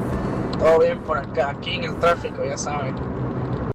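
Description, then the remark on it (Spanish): A steady low rumble of road traffic runs throughout while a person talks over it in short bursts before the sound cuts off abruptly. “Todo bien por acá, aquí en el tráfico, ya saben.”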